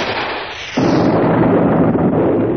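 A hiss of noise gives way to a sudden, loud explosion that bursts in and keeps roaring as a heavy, sustained rumble until the end. No one speaks.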